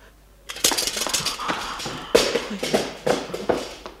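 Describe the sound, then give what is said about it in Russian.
An armchair creaks and knocks in a series of short, irregular bursts as someone is on it, moderately loud, with brief squeaky tones among the clatter and no voices. “Сойди с кресла, оно скрипит.”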